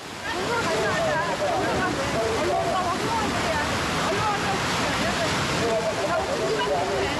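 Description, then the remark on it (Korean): Heavy surf on a rough sea roars steadily and loudly throughout, a dense wash of breaking water with gusty wind noise, the waves growing stronger over time. Voices talk intermittently beneath the crashing waves. “파도가 너무 많이 쳐서 위험해요.”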